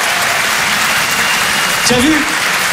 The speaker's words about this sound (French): Applaudissez-vous.